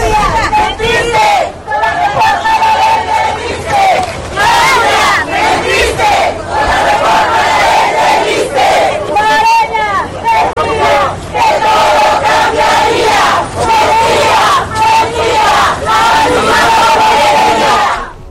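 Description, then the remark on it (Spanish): A large crowd of protesting teachers of the CNTE section 22 in Oaxaca, Mexico, shouts and yells at the president in a loud, continuous uproar of overlapping voices, with raised chant-like cries rising above the din and only brief lulls. “La misma porquería, así le gritaban a la presidenta.”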